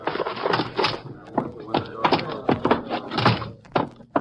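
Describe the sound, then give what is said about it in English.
A door is opened for men carrying a heavy man in, amid a busy cluster of clunky thumps and knocks, with shuffling movement and a faint low murmur running underneath. “I'll get the door for you.”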